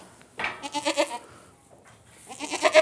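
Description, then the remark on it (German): A goat named Leni, in a difficult labor with a large kid and separated from her herd, bleats twice, loud, strained, wavering cries with a quivering, nasal tone, the first lasting nearly a second, the second rising in force at the end, with no talking. “Ziegen sind Herdentiere.”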